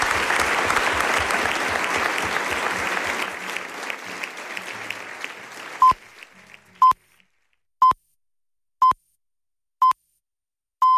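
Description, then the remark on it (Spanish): An audience claps loudly for several seconds for four guests on Radio Nacional de España, the applause thinning out, then six short electronic beeps follow at one-second intervals, the final one held slightly longer, before the 11 o'clock news. “Un aplauso enorme para vosotros.”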